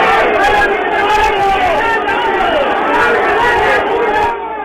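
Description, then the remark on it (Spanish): A loud, sustained roar of a football crowd protesting after the referee's final whistle of a Deportivo Cuenca match, many voices shouting and jeering together in a dense, continuous wall of sound that eases off slightly at the very end. “Así lo determinó el árbitro, ha terminado el partido y obviamente escuchan a la hinchada como protesta.”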